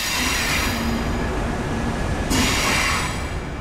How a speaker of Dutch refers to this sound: Zo, we zijn de trein op. Ja, we zitten in de trein.